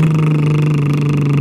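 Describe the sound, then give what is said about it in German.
A voice holds a steady, buzzing lip trill on one comfortable pitch during a voice exercise, imitating a car engine idling; loud and unbroken throughout, with no words spoken. “Das wäre dann ganz normal wie ein Auto.”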